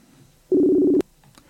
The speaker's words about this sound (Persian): من شماره ایشون رو میگیرم. بله، تلفنش رو زنگ میخوره.